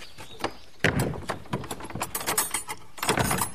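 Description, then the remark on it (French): A door is closed amid a run of rattling, clicking latch noises, with a solid thud early on and another loud clatter near the end, no voices, at the end of a guided visit to a historic monument building. “Je ferme la porte, non ?”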